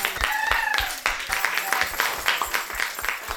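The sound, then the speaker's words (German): Dense, continuous clapping from a group, applause for a class from the Theodor-Wuppermann-Hauptschule in Leverkusen on their visit to the Jewish Museum in Berlin, a steady crackle of many hands with a few higher tonal cries or whoops rising briefly over it. “Applaus für euch.”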